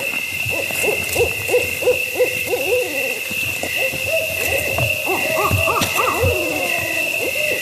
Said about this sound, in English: The barred owls are territorial, so when they hear the recordings, they check them out. And sure enough, after a few minutes... Is that multiple? There's a pair. There's a pair, okay. Two barred owls, a male and a female, were duetting.